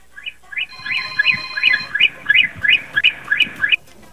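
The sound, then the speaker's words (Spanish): A rapid run of about ten short vehicle horn honks, high-pitched and chirpy with a warbling tone, evenly spaced and loud, with no talking. “Ocupo, por favor, que me des 17 bocinazos cortititos.”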